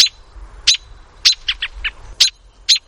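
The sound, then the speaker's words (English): An adult American robin's sharp alarm call, given when its young are threatened, as by a cat: a rapid series of piercing, clipped chirps and short whinnying notes, loud, repeated in an agitated irregular rhythm with no talking. “Adult robins sound this alarm when their young are threatened, like by a cat.”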